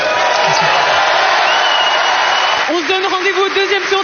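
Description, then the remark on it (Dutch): A full stadium crowd at Roland Garros applauds and cheers tennis player David Goffin after his first-round qualifying match, a steady, loud wash of clapping for a few seconds, then a voice starts talking over the continuing applause. “Voilà, een prachtig en welgemeend, heb ik de indruk, applaus voor David Goffin.”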